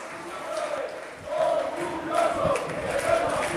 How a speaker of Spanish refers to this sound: ¡Izan, Izan!, grita el público. Van coreando el nombre de algunos jugadores.